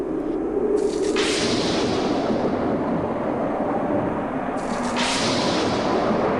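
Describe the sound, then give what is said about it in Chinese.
Loud, continuous thunder rumbles through a storm, with two sharp cracking claps, one about a second in and another near five seconds, over a steady roaring wash. No one speaks. “然而，当诺亚的方舟就要造好时，大地突然风云变色，雷声大作。”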